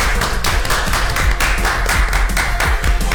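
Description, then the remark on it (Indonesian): A crowd applauds steadily for about three seconds for a prize winner who answered correctly and won a breakfast voucher: a dense, loud wash of many hands clapping at once with no voices standing out. “Tepuk tangan dulu, boleh gak sih?”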